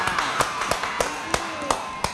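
Hands clap in a slow, steady series of about seven sharp, distinct claps, roughly a third of a second apart, heard over a faint roomy background hum.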